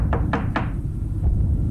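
Three sharp knocks on a hotel room door in a five-star hotel, in quick, even succession, clear, followed by a faint fourth tap over a low background rumble.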